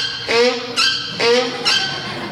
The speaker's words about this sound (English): There was a mule braying in the pasture.